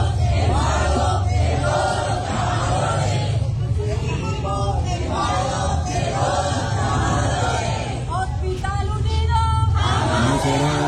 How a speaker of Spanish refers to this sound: Ahí estaban las mujeres y los hombres gritando el día anterior, pero nada.